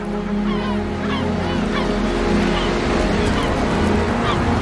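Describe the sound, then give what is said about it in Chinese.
A dense chorus of seagull calls at a cliff nesting colony: many overlapping squawks and rising cries, loud and continuous, over a steady low rumble like surf. “这只海鸥选择了一个不太理想的筑巢点。”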